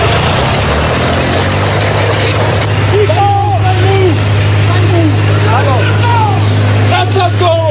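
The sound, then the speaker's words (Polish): A tractor engine drones loudly and steadily, with a deep, constant rumble, as a 60-year-old farmer damages public property in Gliwice, Poland. About halfway through, raised voices join in over the running engine. “Zamieściła też nagranie ze zdarzenia.”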